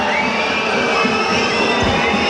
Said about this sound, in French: et vous entendez les huées à 1 minute et 35 secondes.